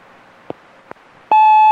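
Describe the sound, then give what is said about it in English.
Two soft clicks, then a louder click that opens into a steady, loud electronic telephone error tone, held without a break to the end, coming before a recorded message saying an irregularity was encountered. “This is a recording. You have encountered an irregularity. Please dial again or call your operator for assistance.”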